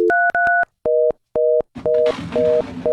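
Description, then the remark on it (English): A few quick dialing tones, then a telephone busy signal: steady, evenly spaced electronic beeps that keep pulsing as a burst of noisy background sound rises beneath them. “Yeah, the lines are still busy.”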